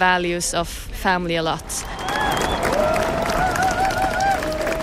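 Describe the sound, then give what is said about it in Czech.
A voice speaks briefly, then gives way to steady crowd applause with murmuring and a few thin, high whistle-like tones running through it. “Jenom dozněl potlesk a dav se rychle rozpouští.”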